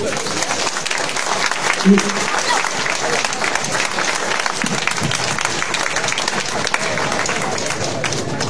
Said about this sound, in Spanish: Le vamos a brindar un voto de aplauso.